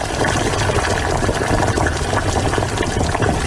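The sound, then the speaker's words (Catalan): Water boiling in a cooking pot, ready for vegetables to be added, a steady, dense bubbling and hissing that holds an even loudness throughout, with no voices. “Mira, mira, ara l'aigua ja bull.”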